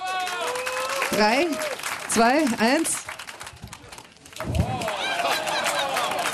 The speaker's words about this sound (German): Gut, also Purzelbaum. Kriegen wir einen Applaus?